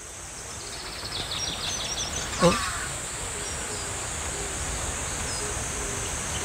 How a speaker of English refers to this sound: You can't see them, but the chirping is so welcoming.